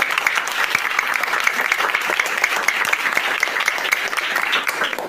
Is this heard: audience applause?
yes